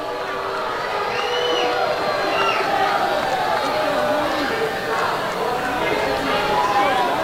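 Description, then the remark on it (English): A large baseball ballpark crowd growing impatient with the batter LeGrand at the plate murmurs and calls out steadily, a dense wash of overlapping voices with scattered shouts and whistles rising above it, sustained and fairly loud throughout. “Crowd getting a little impatient with LeGrand at the plate.”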